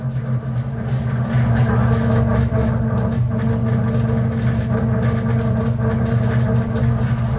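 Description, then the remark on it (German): A steady, deep engine hum rumbles from beneath a stationary train at Warszawa Stadion station in Warsaw, with strong low tones holding constant for several seconds and faint mechanical texture above. No one speaks. “Kommt hier irgendwie aus dem Boden von dem Zug.”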